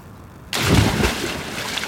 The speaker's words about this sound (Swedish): men jag lägger micken bra så att du ska höra mitt plums i alla fall.